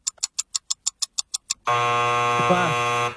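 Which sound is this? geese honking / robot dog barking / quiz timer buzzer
quiz timer buzzer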